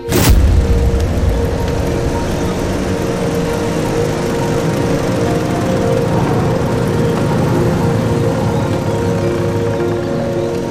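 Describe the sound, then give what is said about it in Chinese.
A convoy of motorcycles of an enemy headquarters special-agent squad roars along, their engines a loud, steady, rumbling drone that kicks in abruptly and holds constant for the whole stretch, with no voices. “这摩托车队很威风嘛，看着阵仗是一点没把兄弟你放在眼里啊。”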